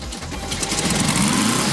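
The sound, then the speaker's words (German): The small air-cooled engine of a light-blue Volkswagen Karmann Ghia idles steadily on the new main square in Obergrafendorf, in front of a summer tour bus: a continuous low purring rumble with a faint rhythmic ticking and a broad hiss above, holding an even, moderately loud level with no talking. “Ah, jawohl, wie ein Kätzchen schnurrt da. Ein Volkswagen Karmann Jira, ein ganz besonderes Stückerl in einem wunderschönen Hellblau.”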